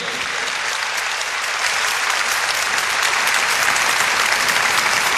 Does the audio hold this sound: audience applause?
yes